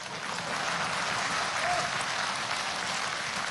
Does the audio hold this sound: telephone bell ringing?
no